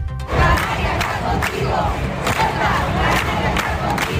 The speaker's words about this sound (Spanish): Así sonaban anoche las manifestaciones en todas las islas. Solo en las capitales, más de 7.000 personas en las Palmas de Gran Canaria, 3.000 en Santa Cruz de Tenerife.